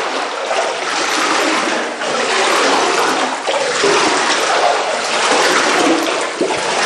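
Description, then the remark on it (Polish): Loud, continuous rush of water churning and splashing, with a few sharper splashes as someone moves through floodwater in a dark cellar without electricity, the water about 10 centimetres deep; no one speaks. “Bo państwo tego nie widzą, ale może usłyszą, jakbyśmy mogli, pan nam to zaprezentował, pokazał, bo tu faktycznie prądu nie ma, więc trudno było też zobaczyć, ale państwo mogą usłyszeć, ile tutaj jest wody.”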